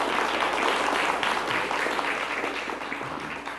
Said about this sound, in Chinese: 大家鼓掌啦，给圆德法师还有工作同仁，一个非常周到的规划和准备，大家鼓掌，谢谢。